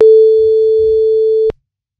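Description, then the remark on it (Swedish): A single steady telephone ringback tone of an outgoing call from the Guldkanalen radio show hums for about a second and a half, then cuts off abruptly with a click, with faint low rumble underneath. “Nu ska vi ringa och kolla vad hon fick med sig för någonting.”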